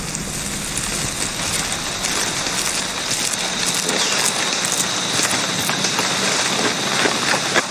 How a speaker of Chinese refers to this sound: 雨林中的雨总是来得快，去得也快